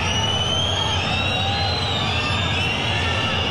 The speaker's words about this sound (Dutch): Hij heeft dan twee keer niet gejuicht bij zijn doelpunt, Zorgan. Maar nu krijgt hij toch een fluitconcert en boegeroep over zich heen van zijn oude supporterschare.